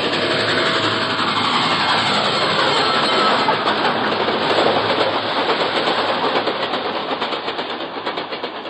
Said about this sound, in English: Then, dimly, I can make out an approaching roar, another train heading right for me.